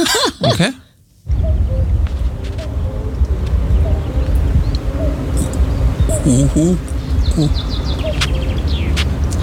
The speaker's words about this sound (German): Genau, also das ist ein Kuckuck